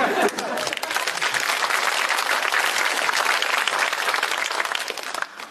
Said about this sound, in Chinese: 您看那些笑星上场，台底下掌声笑声不断，到我这儿呢，这里的黎明静悄悄。